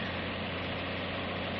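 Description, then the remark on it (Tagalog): A bus engine idles steadily with a constant low rumbling hum and faint vibration, on a bus bound for the province. No voices are heard. “Kalain sa kong gibati nga nagsakay na ko ni ining bus paingon sa probinsya.”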